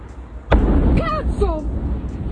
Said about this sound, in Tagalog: Sa Italy, isang pagsabog ang nakuhanan sa isang ammunition factory sa Cleofero malapit sa siyudad ng Rome. Ang pagsabog ay nagmula umano sa powder pressing department ng pagawaan.